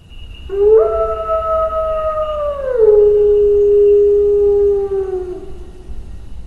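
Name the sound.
wolf howling sound effect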